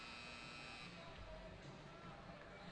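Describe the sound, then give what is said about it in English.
A loud, sustained hockey arena buzzer blares for the end of the second period of a scoreless Youngstown versus Fargo game, a steady harsh tone held throughout over a noisy crowd. “Patillo protects for the buzzer.”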